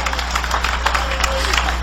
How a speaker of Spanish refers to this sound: Dale ese aplauso de alabanza al Señor.